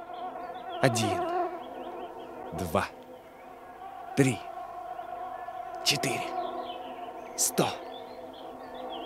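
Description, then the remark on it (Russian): A steady, close whine of countless mosquitoes drones without pause in a forest on a clear, still, hot day, while five brief, sharp swells of noise cut through it at roughly even intervals of about a second and a half. “1, 2, 3, 4, 100, 1000, 1000000 комаров. И все они что-нибудь и зачем-нибудь жужжат около меня.”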